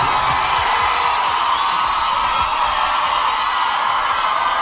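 A crowd at a live music performance applauds and cheers in a dense, steady roar of clapping with occasional whoops, holding loud and even for several seconds without any talking.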